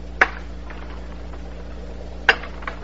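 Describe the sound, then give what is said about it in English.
Two sharp glassy crashes about two seconds apart as two drinking glasses are thrown and smashed after a toast, each brief and bright, with a faint tinkle after the second, over a low steady hum and no talking. “There they go. Shattered, but with a beautiful memory.”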